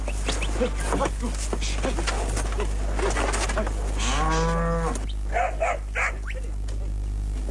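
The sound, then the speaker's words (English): A single drawn-out moo from Hereford beef cattle rises midway, loud, with birds chirping and cooing around it over a steady low rumble; on a cattle property in the Gympie district, 100 miles north of Brisbane. “a good beef cow can return as much as $100 a year, and Thornside can run 1,000 head all year round”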